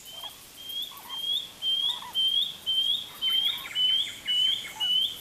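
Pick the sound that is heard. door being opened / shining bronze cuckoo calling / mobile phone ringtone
shining bronze cuckoo calling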